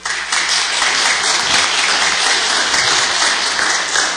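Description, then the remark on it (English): A church audience applauds steadily to welcome the newly baptized, many hands clapping in a dense, even wash of sound that holds at a loud level for the full stretch without pause. “Look at all these friendly folks here to cheer you on.”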